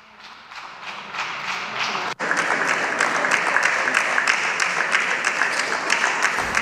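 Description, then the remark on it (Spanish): Sustained applause from a large group in a parliamentary chamber after a speech ends, with a member standing up to applaud, starting softer and swelling after a brief gap into steady, loud clapping with a regular rhythmic pulse. “Se ha puesto de pie. Muchas gracias, señor Estrems. Para aplaudir también.”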